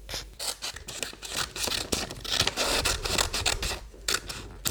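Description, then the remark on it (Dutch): Scissors snip steadily through paper, cutting out a bison shape drawn on it, a quick run of crisp, rasping cuts with short pauses as the blades reposition; no one speaks. “En die gaan we lekker gezellig uitknippen.”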